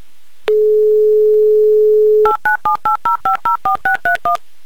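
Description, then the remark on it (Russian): A steady dial tone hums for about two seconds, then a mobile phone number in Simferopol is punched in: eleven crisp keypad tones in quick, even succession, loud, with no voices. “пожалуйста, подойдите к своему мобильному телефону, потому что я уже набираю ваш номер и очень хочу услышать шутку Николая Фоменко.”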